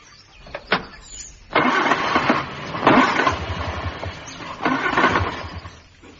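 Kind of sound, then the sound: vehicle, car engine cranking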